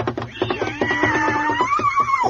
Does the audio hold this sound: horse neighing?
yes